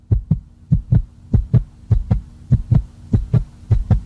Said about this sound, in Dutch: Je hebt dan iets gemaakt, je hebt ingeleverd, je hartslag gaat 180 omhoog.